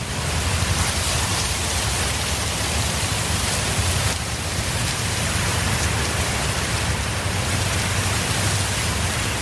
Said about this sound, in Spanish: Ya estamos en el pas, vacas, prados y hayedos. El viento es intenso, suena fuerte y mueve la bici.